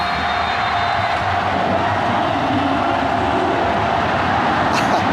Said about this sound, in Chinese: 在整个比赛场地的周边，哎呦，响起了绵阳队球迷铺天盖地的欢呼声。